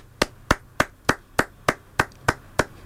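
A slow, polite golf clap: about ten crisp, evenly spaced claps, roughly three per second, each a sharp bright smack that fades quickly, with no voices alongside.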